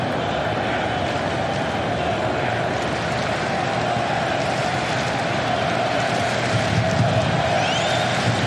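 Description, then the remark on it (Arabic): A dense, steady roar of a large stadium crowd at an England versus Norway football match, with English fans the more numerous, fills the whole stretch, loud and continuous with a sustained chanting drone running through it and no distinct pauses. “في المدرج، هناك مباراة في المدرج، هناك مباراة ما بين الجماهير الإنجليزية الأكثر عددا بطبيعة الحال.”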